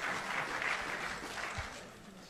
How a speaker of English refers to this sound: Ladies and gentlemen, please, a big round of applause for the chairperson of the South African Football Association, Dr. Denis Jordan.